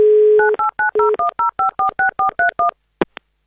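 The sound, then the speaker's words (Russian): A steady dial tone gives way to a quick, even run of about a dozen touch-tone beeps as a phone number is dialed, ending with a couple of sharp clicks. No one speaks. “Набрали номер телефона 6431.”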